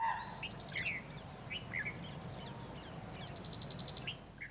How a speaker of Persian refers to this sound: این زنگ خطر چیزی است که آهوها را زنده نگه می‌دارد. و این سر و صدا تمام فرصت‌های شکار را برای ببر محدود می‌کند.